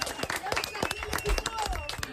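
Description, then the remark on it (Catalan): A crowd claps steadily and fairly loudly for a couple of seconds after a throw in a slinger-training game, the dense patter of many hands mixed with scattered voices and cheers in the background. “Molt bé, això mateix, fort aplaudiment.”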